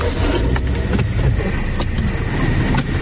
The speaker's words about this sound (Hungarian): Na akkor nézzük, ez egy forgalmas út itt, itt rögtön a park és a belváros között. Vannak ezek a csúcsidőszakok, és tényleg lépésben lehet haladni.